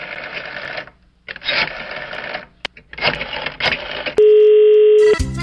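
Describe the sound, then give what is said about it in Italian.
A steady, loud telephone tone rings out for about a second after a hang-up, following several bursts of harsh, buzzing mechanical noise, then cuts off into clicking. “Ma ha buttato giù il telefono.”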